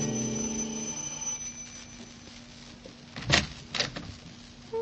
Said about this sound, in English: Like the character who's ringing the doorbell of an apartment on the east side.